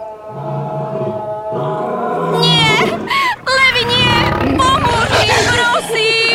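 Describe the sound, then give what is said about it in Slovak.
Lions roar and snarl loudly, several overlapping growls rising and falling continuously with no pauses. “Možno ťa o tom presvedčia tam tie levy.”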